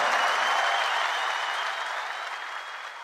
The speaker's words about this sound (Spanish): Muchas gracias. Maestro Miguel Botafogo. ¡Fuerte el aplauso!